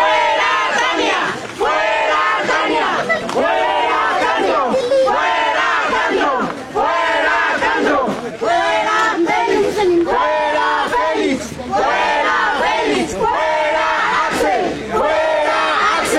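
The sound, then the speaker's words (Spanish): A loud crowd of residents of Santiago Tlapanaloya, Tepeji del Río, blocking the main road to demand restored drinking water service, shouts and chants in rhythmic bursts, many voices rising together in repeated waves, steady and unbroken across the whole stretch, with no single voice standing out. “habitantes de la comunidad de Santiago Tlapanaloya bloquearon la carretera principal que atraviesa la localidad para exigir el restablecimiento del servicio de agua potable que desde hace varios meses presenta deficiencias.”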